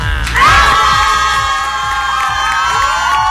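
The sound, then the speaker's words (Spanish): A loud crowd cheers and shouts, with high excited voices rising over a steady wash of applause and noise that holds for a few seconds; applause called for by a host for teachers on a Mexican programme. “Un aplauso a todos mis amigos, maestras y maestros.”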